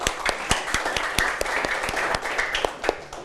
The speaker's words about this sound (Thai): เอาล่ะปรบมือให้กับเพื่อนด้วยครับนักเรียนนะครับ